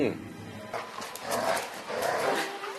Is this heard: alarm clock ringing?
no